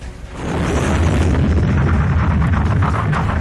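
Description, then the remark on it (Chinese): A heavy Soviet artillery bombardment, ordered by Zhukov at 2:20 at night, strikes German army positions, thundering continuously with deep booming explosions overlapping into a dense, loud rumble after a brief quieter start. No voices are heard. “在德军阵地上，重炮轰击声、爆炸声此起彼伏，震耳欲聋。”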